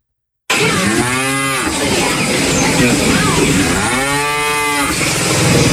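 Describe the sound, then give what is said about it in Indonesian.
Dairy cows on a farm in Central Java, Indonesia, moo twice, each a drawn-out, fairly loud call, a few seconds apart, against a constant background of outdoor barn noise. “Peternak sapi perah didorong untuk memanfaatkan pakan fermentasi atau silase guna menyiasati pakan hijau ternak yang rawan terdampak musim kemarau.”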